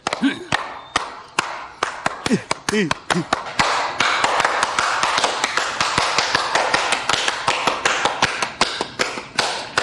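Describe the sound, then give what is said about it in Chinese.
Hand clapping begins as scattered sharp claps under a brief voice, then builds into a dense, steady stream of applause that continues to the end. “给你姐拍拍手。”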